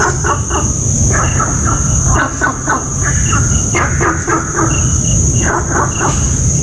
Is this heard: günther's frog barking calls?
yes